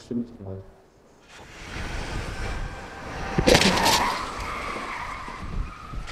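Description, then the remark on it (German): During a crash test on company premises in Münster, a truck's engine roar builds as it races at 64 km/h toward a barrier formed by a car, then a loud crunching crash hits about midway, followed by prolonged scraping and skidding noise. “Mit 64 Sachen rast der LKW auf die Absperrung zu.”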